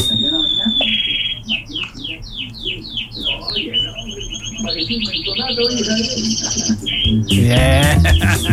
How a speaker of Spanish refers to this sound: ahí grabé a mis pollitos, te mando el audio.